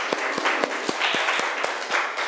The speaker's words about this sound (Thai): โอเคค่ะขอเสียงปรบมือดังๆให้ตัวแทนจากกลุ่มที่หนึ่งค่ะ